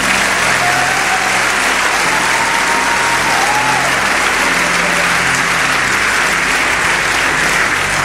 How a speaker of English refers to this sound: Now, when you're clapping, don't clap like you borrowed the hands.